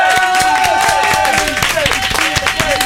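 A loud, continuous burst of audience applause on the radio station Énergie, dense clapping from many hands, with some whistles and cheering mixed in throughout.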